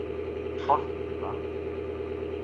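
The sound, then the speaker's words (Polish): A steady, droning engine hum runs unbroken through the whole clip, like a tractor idling nearby, with a couple of brief muffled voice fragments surfacing over it. “No to o 22 traktor po polu jeździ? Czy jakaś tam piła pracuje?”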